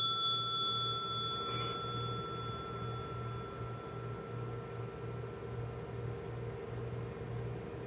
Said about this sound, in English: one of the things I encourage families to do is keep a bell in their home so that when anybody's needing some quiet, we can all practice together. So I'd like to practice the bell together again, if you don't mind.